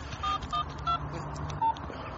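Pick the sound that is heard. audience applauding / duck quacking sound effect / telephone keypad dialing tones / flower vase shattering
telephone keypad dialing tones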